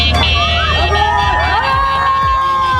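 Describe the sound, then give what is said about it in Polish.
A dense crowd in Bełchatów, Poland, cheers and shouts continuously and loudly to welcome Łatwogang, who is crossing Poland by bicycle, with many overlapping voices and whistling tones, and a low rumble of traffic underneath. “W Bełchatowie powitały go tłumy.”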